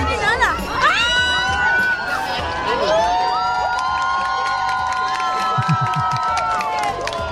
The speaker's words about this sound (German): Selbst die Bar und die Restaurantbetreiber haben die Musik ausgemacht und runtergedreht, bis dann um Punkt 20.31 Uhr die totale Sonnenfinsternis erreicht wurde und Jubel ausbrach. Hören Sie mal.